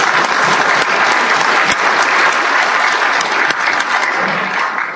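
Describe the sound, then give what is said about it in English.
A group claps, giving themselves a round of applause for the things they have donated, in a steady, dense round of applause lasting the full stretch, loud and even throughout, with no voices standing out above the clapping. “And before we get started, I want this group to give themselves a round of applause for the things that you've been able to just donate.”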